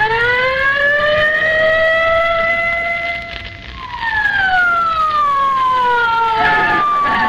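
A police squad car siren wails loudly in long rising and falling sweeps as the car speeds away toward 79 Wistful Vista, with no voices, its pitch sliding downward near the end.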